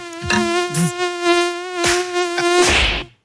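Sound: mosquito buzzing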